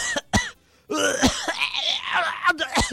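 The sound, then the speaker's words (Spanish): A person imitates a coworker's coughing fit: a couple of sharp, explosive hacks, then a strained, rasping stretch of throaty gagging and wheezing, ending in more short coughs. “Y estábamos platicando y empieza a toser.”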